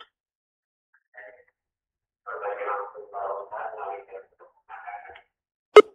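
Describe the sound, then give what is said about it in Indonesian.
A caller's thin, muffled voice comes through a telephone line to a live call-in program in short bursts, then a sudden loud click cuts it off, leaving the line dead. “Ya, terputus.”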